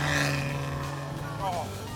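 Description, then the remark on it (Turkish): A sports car with a manual gearbox drives, its engine droning steadily at a constant loud level, its deep harmonic rumble and buzzy overtones holding throughout with a slight rising sweep midway. “Sesi muhteşem geliyor.”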